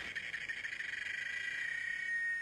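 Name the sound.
cicada singing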